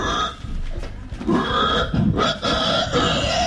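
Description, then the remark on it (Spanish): A person imitates a pig, making a continuous run of rough, guttural grunts and snorts, with short breaks between bursts and no other talking. “De gente que hace ruido de animales, re divertido. Pero así hacen los chanchos.”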